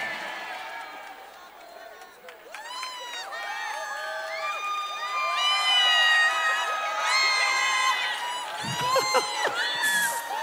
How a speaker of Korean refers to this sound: 아까 그 물 먹을 때 막 박수 나고 함성 나고 수준 높다 그러니까 더 하시는 거죠 지금.